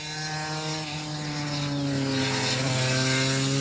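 The two-stroke 250 twin-cylinder engine of a roughly 35-year-old motorcycle drones loudly and steadily at high revs with a buzzy, high-pitched, shrill rasp, its pitch sliding slightly up and down as the revs shift. No voices.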